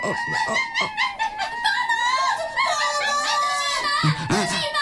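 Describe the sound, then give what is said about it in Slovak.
A busy chorus of shrill, chattering monkey calls, several animals shrieking and hooting over one another in quick bursts, loud, with no pause for the whole stretch. “A to je, prosím, zase čo? Opice.”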